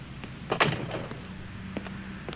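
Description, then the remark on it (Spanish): A door is pushed shut on a cold day, giving a solid thud followed by a lighter clunk of the latch a moment later, against a quiet background hum with no one talking. “Cierra la puerta.”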